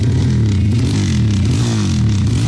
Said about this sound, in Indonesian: Makanya gak usah aneh-aneh, pakai knalpot brong segala lagi. Buruan, ganti sana knalpotmu. Tapi keren kan suaranya?